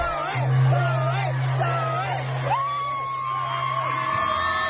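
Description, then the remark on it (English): A loud concert crowd in Australia chants "shoey" in unison as the performer does a shoey, a repeated rising-and-falling call roughly once a second, with whoops and cheering swelling around it and a steady roar underneath. “And the crowd loves to chant shoey.”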